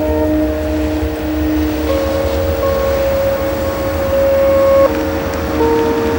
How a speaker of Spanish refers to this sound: Tiempo atrás, Paul conduce su coche en compañía de Cristina.